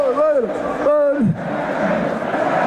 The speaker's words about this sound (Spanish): Le ha puesto a cantar a la plaza. Vamos a ascender, dicen.